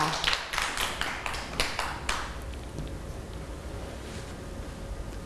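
Children clap together in a quick, uneven burst of overlapping claps that lasts about two seconds, then stops abruptly, leaving only a faint steady background hum.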